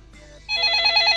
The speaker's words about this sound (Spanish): Bueno, ahí suena el teléfono, mi amor.